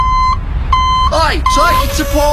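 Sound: tow truck reversing beeps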